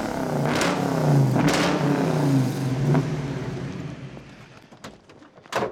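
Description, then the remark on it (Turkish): A 1972 Ford Mustang Mach 1 Fastback engine revs up in several surging bursts, a deep rumbling growl that rises and falls, then settles into a lower idle with a few clicks and a short final blip. “Bu bir Mac 1, 1972 Ford Mustang Fastback.”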